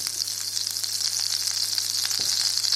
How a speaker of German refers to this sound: Die Pfanne ist heiß, also schütte ich das rohe Ei mal da rein. Erstmal steigt ein bisschen Dampf auf und es zischt. Das ist das Wasser, was verdampft.